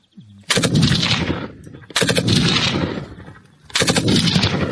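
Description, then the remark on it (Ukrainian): Three loud bursts of rapid fire from a 7.62×51 mm machine gun giving covering fire for a military unit, each a dense rattling string of shots lasting over a second, separated by short pauses with echoing decay. “Кулемет працює на прикриття. Це основна вогнева міць нашого загону.”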